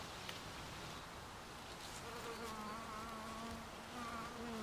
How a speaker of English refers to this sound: There are four honeybee hives in the palace grounds. And royal bees have easy access to one of the finest rose collections in the land.